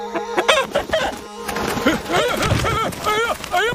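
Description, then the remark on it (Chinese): A big rooster clucks in a rapid, agitated string of squawking calls, fairly loud, over a busy, noisy background with some scuffling, as someone tries to catch it. “是大公鸡呀，你别捉我呀！”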